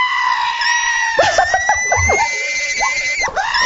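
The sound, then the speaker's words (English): On the Rock 102 morning radio show, a host imitates the screeching wake-up birds at home, letting out a loud, strained, high-pitched squawk that wavers and breaks into several shrill cries over a few seconds. “Oh, that's not how my wake-up birds sound in my house. What, no? Mine sound like...”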